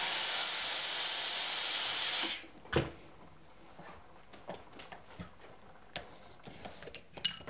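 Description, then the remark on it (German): A loud, steady burst of steam hisses onto a felt hat for a couple of seconds to iron out the last bumps and dents, then cuts off, followed by quiet handling noises, soft taps and small clicks. “Letzte Unebenheiten und Dellen werden mit Dampf herausgebügelt.”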